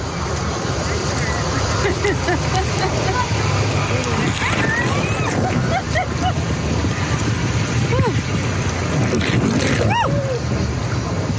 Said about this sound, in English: We gracefully got situated in our tubes. As we drifted along, occasionally getting doused with water